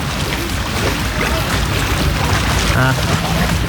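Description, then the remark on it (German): Steady, dense wash of outdoor swimming pool ambience: continuous splashing and sloshing water with a murmur of indistinct voices and a few brief higher calls rising out of the din. “Oder vielleicht hilft's mit dem Freibad.”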